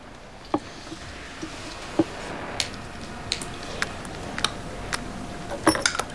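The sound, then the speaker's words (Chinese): Someone pries at a small vial of Zhu'an oral liquid with keys: a string of sharp metallic clicks and scrapes at irregular intervals, fairly quiet over a steady background hiss, with no talking. “哎呀，这个用钥匙撬开吧，太难弄了。”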